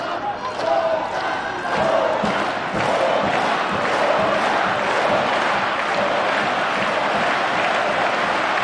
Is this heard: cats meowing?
no